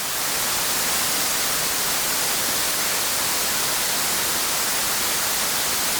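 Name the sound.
white noise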